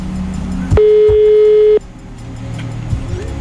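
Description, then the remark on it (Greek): A single burst of telephone ringback tone, a steady, loud electronic hum lasting about a second, then cutting off, with low background rumble and no answer. It is a call to the first winner of a prize draw, who does not pick up. “Τώρα παίρνει την Άντση τηλέφωνο. Τον πρώτο νικητή. Παιδιά, χτυπάει.”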